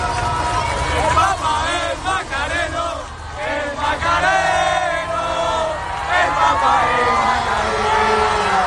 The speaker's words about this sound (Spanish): Por eso los jóvenes de la hermandad que han estado esta mañana en Madrid al verlo le han gritado esto: el Papa es macareno.